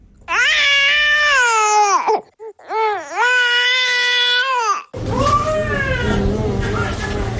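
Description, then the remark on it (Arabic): An infant cries from hunger, signalling a need to breastfeed, in loud, drawn-out wails: two long sustained cries with a brief gasping break between them, then continuing more raggedly over a noisier background. “الصوت ده بأكد للأم رغبة هنت الطفل وحجة للرضاعة.”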